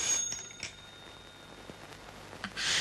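A faint telephone ringing, thin and high-pitched, with a steady tone and a couple of brief bursts, heard alone without any talking.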